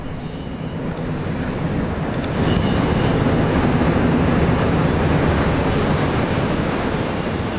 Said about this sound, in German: Jetzt kommt ein Zug.